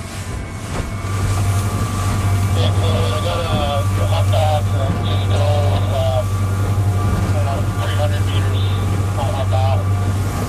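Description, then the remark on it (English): A whale-watching boat's engine drones loud in a steady low rumble as the boat accelerates, with wind buffeting the microphone and faint, muffled voices talking underneath. “The boat accelerates, and I feel like we're suddenly in a high-speed car chase, except a bit more civilised.”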